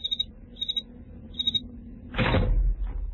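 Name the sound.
door opening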